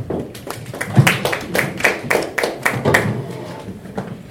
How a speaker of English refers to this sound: Thank you so much, Daktari. We can give her a good clap for that.